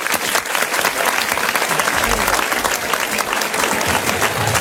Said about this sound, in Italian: facciamo un applauso a …